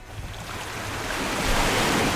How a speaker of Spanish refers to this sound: Escuches este rumor que nunca se apaga, ese latido azul que sostiene la vida. Es el mar.